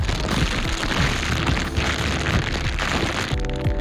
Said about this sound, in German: Ja, du hast eine Plastiktüte in der Hand, das heißt, es geht heute um Müll?